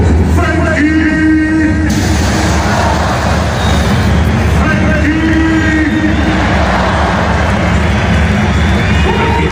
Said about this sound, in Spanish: Porque aquí ya no solo hay socios del Barça, está lleno de turistas con camisetas del Barça, con camisetas de España, con los dorsales 20 de Pedri y sobre todo con el 19 de Lamine Yamal. Escuchamos esos pitos a Frenkie de Jong.